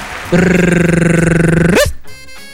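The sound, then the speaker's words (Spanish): A loud dog growl sound effect played during a news segment, a steady rumbling snarl with a rapid throbbing pulse, lasting about a second and a half before rising sharply and cutting off. “Ese con efecto de perro.”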